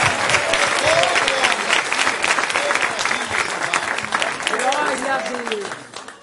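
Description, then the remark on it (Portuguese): A crowd claps steadily and loudly for several seconds to welcome a pastor, a dense patter of many hands, with cheering voices and excited shouts rising through it. “com aquelas palmas bem alegres de vitória para Jesus.”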